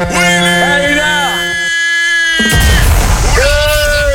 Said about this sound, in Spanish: Y ya tú sabes, pegando, escuchándote en el camión, mira. La bocina, por favor. Ahí va, ahí va, ahí va.